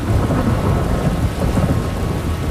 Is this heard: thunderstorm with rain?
yes